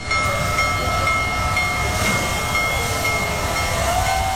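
The world's largest operating steam locomotive, Big Boy No. 4014, rolls by in Colorado, loud, a steady heavy rumble with metallic ringing and a hissing wash over it, continuous throughout with no voices.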